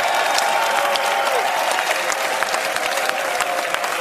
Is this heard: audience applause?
yes